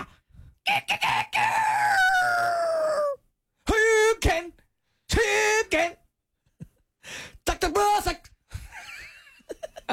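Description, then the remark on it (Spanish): A person's voice imitates a rooster crowing several times in a row, loud, with strained rising-and-falling calls separated by short pauses. “Los sonidos de gallos, ¿qué?”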